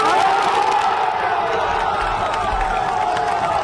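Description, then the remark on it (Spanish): A large crowd of football fans applauds and cheers the players at the team bus after a training session, a dense, continuous, loud roar of clapping and shouting that fills the whole moment. “El aplauso de la afición.”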